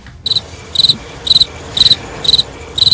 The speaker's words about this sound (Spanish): Joder, grillo de Mundaka, qué potentora, pulmones, es ¿eh? Es que es un grillo vasco, hombre, por favor.